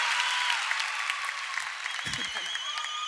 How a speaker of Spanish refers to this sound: Un aplauso fuerte